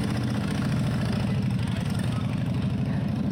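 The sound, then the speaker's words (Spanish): A steady, low mechanical engine rumble runs throughout with a dense pulsing texture and faint higher hiss, like an old tram's motor idling or running without pause. “Vaya tranvía bonito, Marina.”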